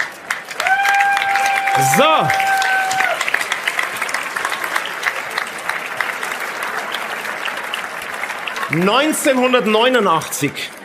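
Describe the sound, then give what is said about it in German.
A crowd, the audience at a show in Rust, applauds steadily for about ten seconds, a dense wash of clapping, while voices speak briefly over it near the start and again toward the end. “Also, ein Applaus vielleicht von unserem Publikum hier aus Rust.”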